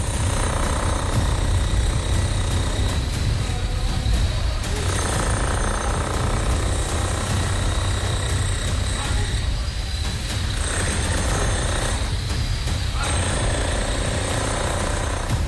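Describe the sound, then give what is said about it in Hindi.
A loud drilling machine, worked by a labourer, digs into the floor inside a factory while police look on. It hammers continuously for the whole stretch with a dense, rattling clatter and only brief dips in intensity. “इन्हीं पुलिस वालों की मौजूदगी में एक मजदूर कारखाने के अंदर इस जगह फर्श पर ड्रिलिंग मशीन से खुदाई शुरू करता है।”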